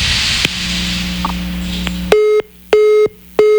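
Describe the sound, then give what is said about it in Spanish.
A telephone rings on the line at the Radio Centro station, pulsing three times in short, evenly spaced bursts, loud and clear, following a couple of seconds of low hum and faint line noise, with no one speaking. “Ahí está, otra vez timbrando el teléfono,”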